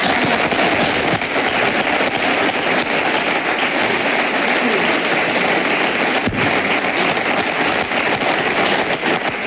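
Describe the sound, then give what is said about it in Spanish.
A large crowd applauds loudly and steadily during a Real Madrid president's speech, after mention of José Mourinho's return, a dense crackling wash of clapping that fills the whole stretch without pause and with no voices heard above it. “Aplausos.”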